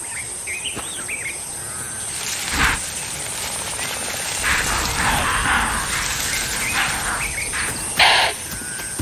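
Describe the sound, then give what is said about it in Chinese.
Impala alarm calls: two sharp, snorting bursts a few seconds apart stand out over a steady hiss of bush ambience, with high bird chirps trilling early on. “现在不是狮子捕猎的理想时间，可是高脚铃示警的叫声吵醒了他们。”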